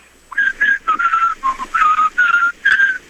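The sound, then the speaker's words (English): A person whistles a short tune, a string of clear, pitched notes in quick succession with brief gaps between them, carrying a simple rising and falling melody with no talking. “Like, you got to whistle a tune.”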